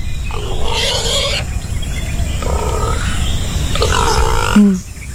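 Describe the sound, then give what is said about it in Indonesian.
A pig grunts in three loud, rough bursts separated by short pauses, each growling call rich and throaty, over a steady low background rumble. “Panjang umur memang babi ni.”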